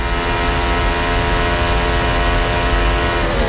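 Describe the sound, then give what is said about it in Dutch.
A racing car engine screams at high revs into a braking point, a loud, sustained harmonic whine holding steady for a few seconds with no one speaking over it. “Ja, je hoort inderdaad daar ze echt schreeuwen om een rempunt eigenlijk.”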